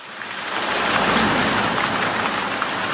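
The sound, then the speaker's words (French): Steady rain showers pour down in the Nord-Franche-Comté region of France in a dense, continuous hiss, fairly loud, with a faint low rumble underneath and no voices. “Des averses qui nous donnent le sourire après des semaines sans une goutte.”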